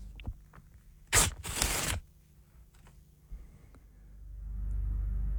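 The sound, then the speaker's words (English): Several pieces of paper ripped at once in a guessing game, in two quick, harsh tearing bursts, one short and one longer, followed by quiet with a low rumble building toward the end. “I'm going to rip some paper.”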